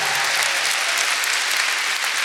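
Steady audience applause, a dense wash of many hands clapping at an even level throughout, with no voices standing out above it.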